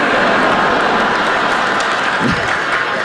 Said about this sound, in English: Yeah, you cheer, but I don't think you realize how that makes me feel.